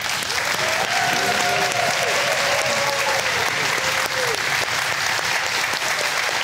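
Loud, sustained applause from a studio audience as two contestants are introduced on a game show, dense clapping filling the whole stretch with steady intensity, while faint voices or a cheer rise briefly within the clatter.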